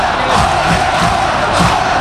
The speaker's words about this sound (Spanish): Tremendo el sonido de Butarque, el rugido de los 11 leones. Brutal.